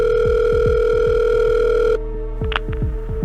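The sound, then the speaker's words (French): A telephone call to the firefighters of Neuilly-les-Oxy, near Abbeville, placed on the morning of Valentine's Day 2018: a steady, loud electronic ringing tone holds for about two seconds, then drops to a thinner tone with a couple of brief higher chirps, over a rapid low ticking pulse. No one speaks. “Le matin de la Saint-Valentin 2018, les parents de Jennifer Deforge appellent les pompiers de Neuilly-les-Oxy, près d'Abbeville.”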